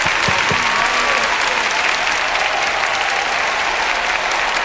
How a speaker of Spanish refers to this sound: aplauso.